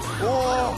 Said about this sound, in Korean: 다음 소방차는 바로 이 소방차입니다. 어떤 차길래? 아니, 뭐 점점 큰 소방차만 와.